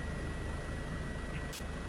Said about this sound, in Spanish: El poli helicóptero encuentra un sospechoso. Vemos cómo señala el auto, mirá.